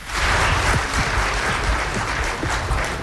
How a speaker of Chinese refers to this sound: 感谢各位的掌声， 谢谢大伙儿